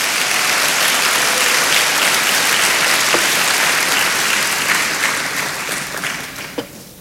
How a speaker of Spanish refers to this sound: Ok, dele palmas al Señor.